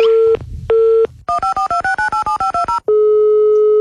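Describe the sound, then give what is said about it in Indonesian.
A steady telephone dial tone breaks briefly, then about ten quick, evenly spaced touch-tone beeps are keyed in a rapid series before the dial tone resumes, loud, with no talking. “Oke, bentar saya telepon lagi ya.”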